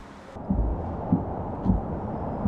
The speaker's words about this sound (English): All to the eerily familiar sound of an anti-aircraft gun.